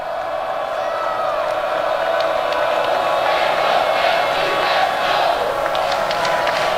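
A baseball crowd cheers for Jalen Crawford Knowles in a steady, continuous roar that swells a little midway through, with scattered whoops rising above the dense wash of voices and no clear speech.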